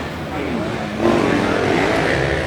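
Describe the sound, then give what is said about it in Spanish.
A racing motorcycle engine roars steadily, swelling louder partway through as it passes, with a voice talking faintly beneath the noise; the bike is number 84, ridden by Gianluca Nicosia in third place in a race. “Gianluca Nicosia en la moto del Chache de la Cajiga.”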